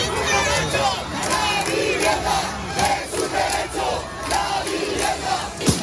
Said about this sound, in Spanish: 10.000 personas, según la delegación del gobierno, se manifestaban ayer por la tarde en Martínez Campos, Rubén Darío y La Castellana, manifestación con gritos de apoyo hasta que intervino la policía.